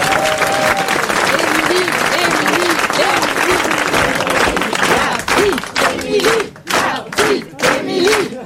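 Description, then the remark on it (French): An audience bursts into loud, sustained applause lasting several seconds, dense clapping with cheers and whoops rising over it, breaking into uneven bursts toward the end. “Applaudissez-le pour le maintenant.”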